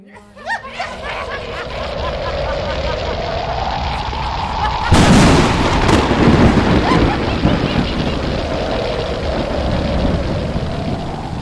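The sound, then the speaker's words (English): A loud, sharp crack of thunder bursts about halfway through over steady rumbling, roaring noise, with a continuous crackling texture of lightning, a storm of dark clouds over Guru Tegh Bahadur's camp at night. “There was a loud thunder and crackling lightning as the forces of destruction were sent towards Guru Tegh Bahadur and the Sikhs.”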